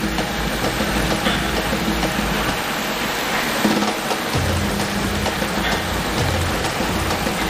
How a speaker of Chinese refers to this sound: 这间淋雨试验室能够模拟每分钟3毫米至10毫米的降水量，足以验证枪械在淋雨、溅水、喷水等水环境中的使用情况。